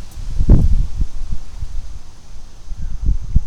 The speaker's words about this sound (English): Okay, it's windy.